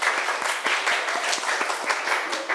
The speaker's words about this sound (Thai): นักเรียนเก่งมากปรบมือให้ตัวเองหน่อย